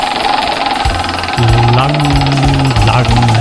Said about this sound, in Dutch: Als jij er klaar voor bent, jij staat het dichtst bij het rad. Ja, ik ga even draaien.